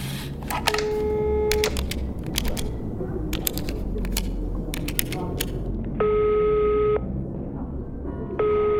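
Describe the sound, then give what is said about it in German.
A telephone is dialed with a quick series of button clicks and beeps, then a steady ringing tone sounds twice, each about a second long with a pause between, clear. Someone is phoning a mail-order company about a delivery. “Tja, dann rufe ich am besten mal da an. Gib doch mal das Telefon rüber”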